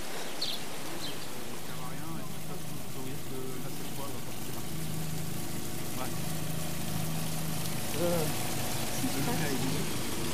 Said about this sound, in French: Leclerc inondé, eh ben dis donc, là ça coule en cascade.